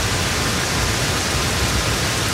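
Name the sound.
heavy rain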